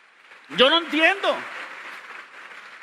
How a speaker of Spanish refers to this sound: Dense un aplauso a ustedes mismos por eso.